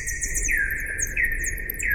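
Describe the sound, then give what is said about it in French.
Slowed-down bat echolocation calls, the ultrasounds bats make to orient themselves in space, inaudible to the naked ear: repeated downward-sweeping whistles in two notes, a lower swooping tone recurring every second or so and quicker high chirps above, over a steady low rumble. “Et donc Gaëlle, qui a la technique, va nous passer un son d'écholocation.”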